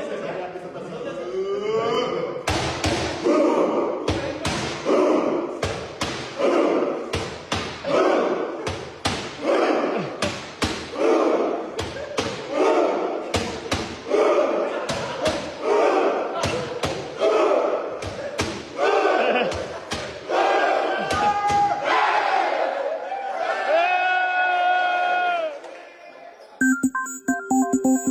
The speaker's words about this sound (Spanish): Bueno, para quien está escuchando la radio, pues es la selección mexicana con caretas y pues haciendo este fantástico festejo de los vikingos que nos ha atrapado el corazón.